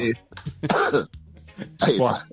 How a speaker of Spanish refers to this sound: Ahí está. Tosé sin problema. Vos sé que me da más risa el tipo tratando de ocultar la tos que tosé. Sí. Tosé, hermano. Tosé, es un consultorio.